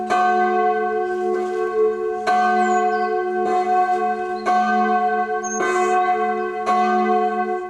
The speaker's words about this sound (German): Gottesdiensten und besonderen Feierlichkeiten erklingt dann natürlich das komplette Geläut aus 4 Glocken.